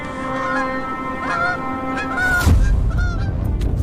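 Bar-headed geese with their goslings honk repeatedly in a sudden snowstorm, a loud, overlapping chorus of nasal, mid-pitched calls, with a brief burst of gusty wind noise partway through and no talking.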